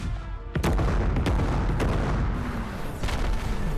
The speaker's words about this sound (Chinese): 到了823傍晚5点钟，我们那时候恐怕电话也接到上级通知，不能出去。只听到万炮齐鸣。